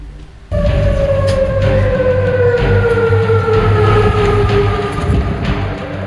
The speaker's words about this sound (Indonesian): Suara sirene peringatan menggema di berbagai kawasan di ibu kota Yordania, Amman, saat militer Yordania mengumumkan berhasil mencegat tiga rudal balistik Iran.